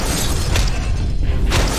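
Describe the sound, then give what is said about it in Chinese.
A loud cartoon cannon, the improved Thunderbolt Cannon, blasts and smashes, with a dense, rumbling crash sustained throughout and two sharper bursts of impact cutting through, with no talking. “哎，好了，改良版霹雳炮， 给我砸！”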